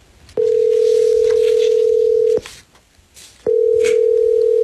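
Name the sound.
telephone ringback tone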